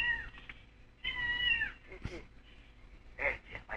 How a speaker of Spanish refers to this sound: Otra vez el gato.